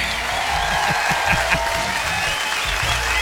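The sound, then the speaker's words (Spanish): A sustained ovation of dense crowd applause during a radio show, loud and steady throughout, with many hands clapping together in a continuous wash of sound. “¡Y la ovación se escucha!”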